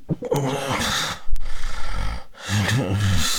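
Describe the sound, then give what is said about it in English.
Harsh, irregular snoring from a person with obstructive sleep apnea, with rough, rumbling breaths and gasping snorts, loud, broken by a brief pause before another ragged inhale. “And this next sound, very uncomfortable sounds of breathing while sleeping.”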